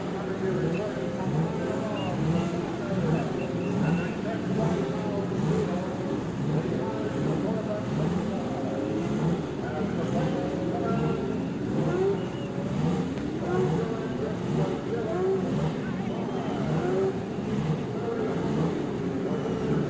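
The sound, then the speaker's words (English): Several racing car engines roar continuously and loudly on the straightaway at the Indianapolis Speedway at the start of a race, their pitch sweeping up and down in overlapping whines as cars accelerate and pass one after another. “From the straightaway at Indianapolis, the sound of the racing engine as each car roars its challenge to another.”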